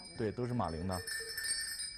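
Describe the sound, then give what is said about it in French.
Small Tibetan jingle bells, of the kind boys wear on their feet for dancing, shimmer with a bright, sustained metallic ring that carries through the whole moment, while a voice speaks briefly over the start before the tinkling continues alone. “Ce sont des grelots tibétains.”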